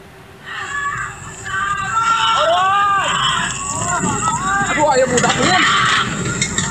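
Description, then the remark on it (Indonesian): A crowd of panicked voices shouts and cries out over one another in a frantic, continuous clamor as an elderly woman's stilt house burns fiercely in Kampung Babakan Bandung, Wangunreja village, Sukabumi, West Java, Indonesia, with a steady rough roar of noise underneath the whole time. “Suasana kepanikan terdengar saat rumah panggung milik wanita lansia di Kampung Babakan Bandung, Desa Wangunreja, Sukabumi, Jawa Barat terbakar hebat.”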